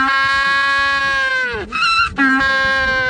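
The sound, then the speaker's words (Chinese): A penguin's loud, braying call, a long harmonic bleat-like cry that breaks briefly into a higher, strained note and then resumes, clear with no talking. “这是企鹅，它的叫声是这样的。”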